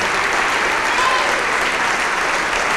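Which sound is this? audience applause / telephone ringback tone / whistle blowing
audience applause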